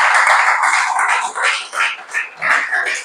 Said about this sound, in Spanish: Yo le daría un aplauso a esta palabra preciosa.